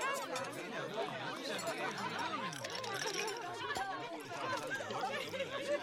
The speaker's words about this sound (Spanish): Seguramente estos te parecieron sonidos de una cena cualquiera, pero si todos te sonaron familiares, hay algo que dejamos de escuchar.